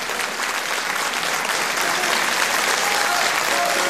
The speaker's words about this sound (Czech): Publikum šílí, Jan Jiráň vykřikuje bravo.